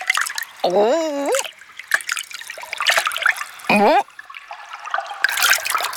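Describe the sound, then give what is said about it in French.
A small stream in the middle of an immense hall trickles and burbles steadily for several seconds, with splashy, dripping textures, interrupted twice by short squeaky, warbling vocal sounds. “Au milieu de l'immense salle, il y a un petit ruisseau.”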